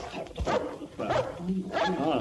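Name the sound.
dogs barking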